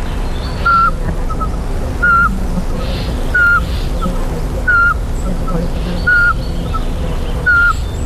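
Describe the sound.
A person whistles a steady series of short, mellow single notes, about six evenly spaced hoots imitating a Eurasian pygmy owl's call, posing as a rival male to provoke a territorial owl into answering, set against a noisy outdoor forest background.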